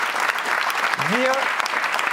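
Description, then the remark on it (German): Dense applause from a sizeable studio audience of the talk show Nachtcafé, thanking the guests, a steady wash of clapping with a brief rising whoop or whistle cutting through partway. “Ausdrücklich, genau, jetzt ist Zeit, noch mal zu klatschen.”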